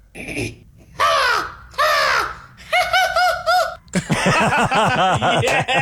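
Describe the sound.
A person imitates an American crow with a series of loud, harsh caws, two drawn-out calls followed by quicker rasping bursts, with no other talking.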